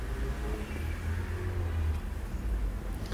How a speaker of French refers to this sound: Une Volvo qui tourne dans le boulevard Saint-Germain.